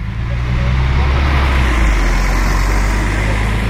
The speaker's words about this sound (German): Jetzt schleicht sich gerade ein Bus vorbei.